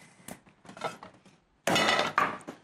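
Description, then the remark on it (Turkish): Meatball mixture being pounded in a kitchen: a few softer irregular knocks, then a louder, dense burst of thumping and clattering, with dishes and utensils rattling. “Ben bu arada sen köfteleri dövüyor iken gideyim.”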